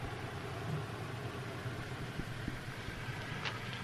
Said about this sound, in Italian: Arriva una macchina, ecco, sarà lui. No, falso allarme, passa, se ne va.